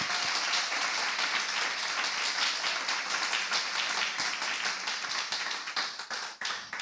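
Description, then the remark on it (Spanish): An audience applauds together for Christ, 'the king who lives', a dense, steady wash of many hands clapping that holds for several seconds and thins slightly toward the end, with no voices standing out. “Dale ese aplauso al rey que vive.”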